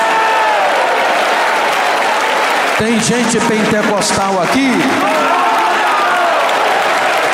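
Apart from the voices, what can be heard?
audience clapping and cheering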